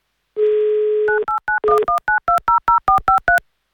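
A steady dial tone hums for about a second, then a quick run of a dozen or so evenly spaced touch-tone beeps as a phone number in Saint Petersburg is keyed in to call a radio game player, each a short two-pitch chirp.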